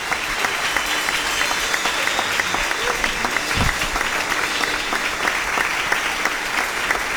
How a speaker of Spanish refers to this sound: Fuerte ese aplauso, hermanos. Gloria a Dios.